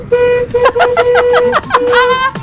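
Several car horns honk in the street before the start of the World Cup, overlapping in long sustained blasts and short toots, fairly loud, with a bit of voice mixed in among them.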